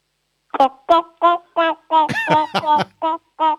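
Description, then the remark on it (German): A person imitates a clucking chicken for a noise-imitation game, giving a quick run of about nine short, nasal clucks in a steady rhythm, fairly loud, with a brief bunched flurry in the middle. “Ich hätte jetzt gern, dass du gackerst wie ein Huhn.”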